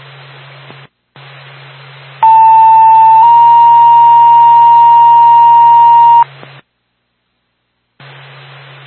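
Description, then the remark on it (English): A Twin State Barney EMS dispatch pager alert, the second tone, plays two long, loud, steady tones in sequence: a short lower pitch, then a slightly higher one held about three seconds, over hissy radio static with a low hum. “Twin State Barney EMS, second tone.”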